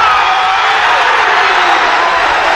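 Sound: football crowd roaring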